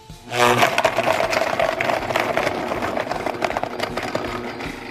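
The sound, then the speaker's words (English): A blender starts with a sudden surge and whirs loudly and steadily, blending a thick smoothie of mango, coconut, black pepper, agave and oat milk, its motor roaring with a rattling, churning texture as the mixture spins, with no talking. “And then we blend it up.”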